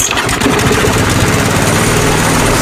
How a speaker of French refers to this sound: Marre de tondre? Tondeuse des 299 euros.